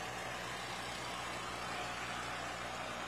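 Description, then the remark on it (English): An old, non-registered farm tractor engine runs steadily as tractors pull in, a low idling rumble beneath a broad wash of hiss, continuous throughout with no voices. “And we even have a few more non-registered tractors getting in to round things out here.”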